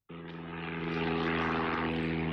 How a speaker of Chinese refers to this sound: 今年三月底，我国首款七吨级大型运输无人机长鹰八在河南首飞成功，成为全球迄今首飞的最大货运无人机。首飞中，由洛阳轴承集团股份有限公司研发的轴承为无人机平稳飞行提供了坚实保障。